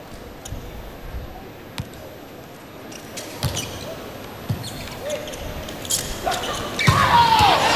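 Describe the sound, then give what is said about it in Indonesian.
Volleyball rally in which Agang Wardoyo plays a cross-court attack aimed at position one, not hit hard: several dull ball thuds, none very hard, spaced out over steady crowd noise that swells toward the end. “Cukup baik tadi Agang Wardoyo melakukan pukulan cross yang diarahkan ke posisi satu walaupun tidak keras.”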